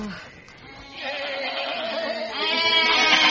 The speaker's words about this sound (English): The sheep are causing a cart jam!